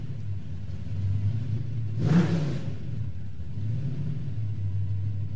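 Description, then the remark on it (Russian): A missionary's jeep, stuck in slush, rumbles low and steady, then revs hard in one brief surge midway before settling back to a drone. No voices are heard. “Завернув за угол, они увидели, что джип миссионера завяз в слякоти.”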